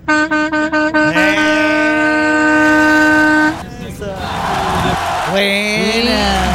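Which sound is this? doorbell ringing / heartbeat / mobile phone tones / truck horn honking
truck horn honking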